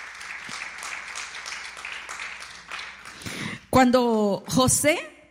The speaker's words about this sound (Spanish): Si usted lo cree, por favor, dele una ofrenda de palmas al Señor.